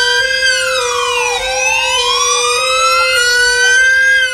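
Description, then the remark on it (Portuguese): The siren of a newly acquired fire truck in the city of Gaspar wails loudly, its pitch sweeping down and then gliding back up in a long continuous tone, with no voices present. “Muito bem, comandante feliz, toda a população da cidade de Gaspar felizes com a aquisição desse novo caminhão tão aguardado aqui pela nossa cidade.”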